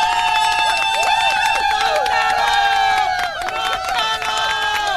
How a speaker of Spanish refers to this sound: Un aplauso.